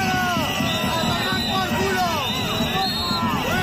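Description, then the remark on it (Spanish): A dense crowd of more than 200 protesters for public education in Huesca, Spain, roars with overlapping shouts and boos at Aragonese president Jorge Azcón, loud, a continuous wall of voices with occasional whistles rising above the noise. “Gritos y abucheos al presidente aragonés, que intentó dialogar sin éxito”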